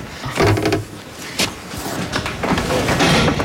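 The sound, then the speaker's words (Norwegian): A heavy barn door on a farm in Bardu, Troms, Norway slides open to let cows out after the winter, with a rough, grinding scrape and a sharp rattle partway through, the rumbling movement fairly loud, with no voices. “Først de litt forsiktige når døren åpnes.”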